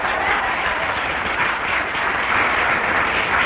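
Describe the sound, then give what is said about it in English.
A large crowd claps steadily throughout, a dense, continuous wash of many hands with no voices on top, staying loud and even from start to finish. “I don't like the way you're clapping tonight.”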